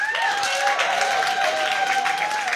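Steady, loud audience applause for last year's winner fills the whole clip, a dense wash of many hands clapping, with a faint sustained high tone running underneath. No one speaks.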